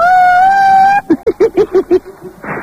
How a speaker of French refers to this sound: Oh, ça continue à klaxonner, le bordel. On croit dans un mariage.